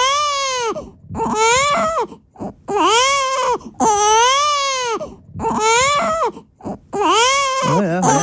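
A baby wails loudly in long, strained bursts, with brief gasping breaths between each cry, continuing steadily for several seconds without any other voices.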